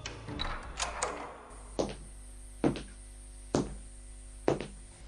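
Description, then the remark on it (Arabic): A guard unbolts and opens a heavy prison door: a quick rattle of latches, then four loud, evenly spaced metallic clanks that ring briefly and clearly, with no voices. “أيها الحارس افتح هذا الباب.”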